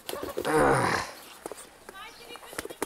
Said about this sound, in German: Instinktiv wehrt sich der Vogel gegen den Übergriff des Pinguinpflegers.